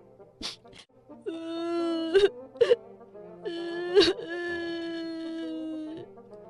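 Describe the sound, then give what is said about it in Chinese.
A voice wails in long, drawn-out sobbing cries as a little black bear crying sadly in a story. It is fairly loud, broken by sharp gasping breaths between the sustained moaning tones. “小黑熊把扔在地上的大毛巾捡起来，然后伤心地哭了。”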